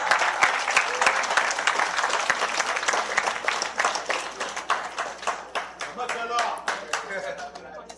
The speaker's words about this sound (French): Mesdames, mesdemoiselles, messieurs, je vous demande d'applaudir Gamax, JGM Gamax.